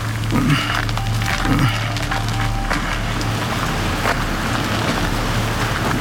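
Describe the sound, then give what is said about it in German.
Wind rustles steadily through tree leaves in a continuous, moderately loud hiss, with a couple of brief wooden creaks early on and no voices. “Nur der Wind bringt die Blätter zum Rauschen.”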